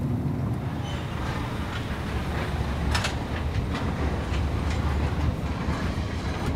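Car-carrier train wagons rumble steadily along the rails, with sharp metallic clacks recurring every second or so over the continuous low roar, fairly loud, with no voices.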